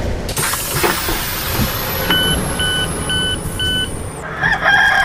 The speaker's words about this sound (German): Und Station Nummer 3 war dann Bremen. Was kam da? Das Krähen von einem Hahn.